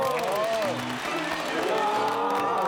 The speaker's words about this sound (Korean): 박수!